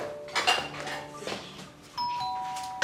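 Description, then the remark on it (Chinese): A doorbell chimes twice, each ring a bright two-tone electronic ding-dong with sustained ringing overtones, the second starting about two seconds in. “哟， 我去开门。”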